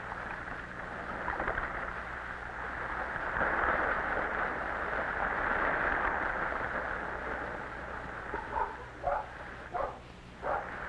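A dog, Mac, barks a few times in short, separate bursts toward the end, after a long stretch of steady rushing sea waves as a stick is thrown into the water. No one speaks.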